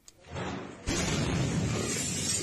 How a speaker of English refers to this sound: The moment a powerful blast shook a neighbourhood of Viacha, shattering windows and sending traumatised people scurrying for shelter.